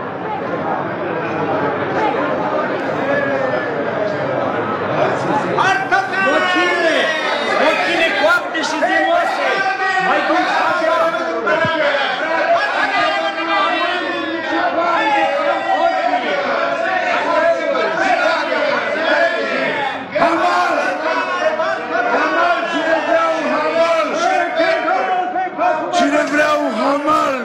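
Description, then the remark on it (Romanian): A dense, bustling crowd of voices in a town on market day, chattering and calling over one another, with occasional louder shouts rising above a steady, unbroken hubbub throughout. “Și iată că într-o zi de târg...”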